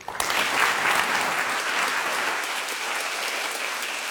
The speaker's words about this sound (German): Danke, dass Sie Ihre Einsicht mit uns geteilt haben. Das ist Ihr Applaus.